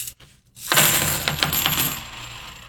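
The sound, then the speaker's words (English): A handful of clad coins is dropped onto a hard surface as a sound test, a burst of bright metallic jingling with several quick clinks that settle over about two seconds. Fairly loud, no voices. “Okay, here we go with the clad.”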